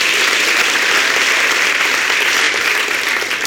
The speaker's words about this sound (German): Vielen Dank. Dein Applaus